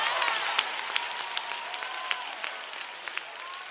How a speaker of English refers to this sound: Clap your hands if you know it.